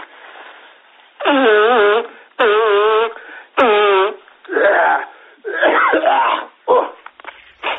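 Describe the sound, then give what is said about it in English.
Someone with a cold blows their nose loudly in a string of honking bursts, the first few tonal and trumpet-like, then several rougher, snuffling blasts. “Just let me blow my nose, eh?”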